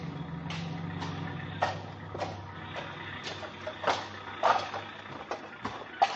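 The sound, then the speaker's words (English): Outdoor city dump ambience with a steady low truck engine rumble and scattered clanks and thuds of debris throughout, with no one talking. “And at the city dump.”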